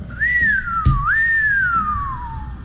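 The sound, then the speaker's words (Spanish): A person whistles a siren imitation, a single sustained tone that rises and falls in a smooth wailing sweep, dipping then climbing again before gliding downward, with a brief thump partway through. “Lo mejor fue el efecto sirena.”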